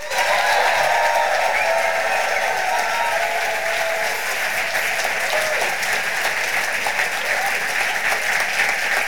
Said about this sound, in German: Rastet aus mit einem 10-Punkte-Applaus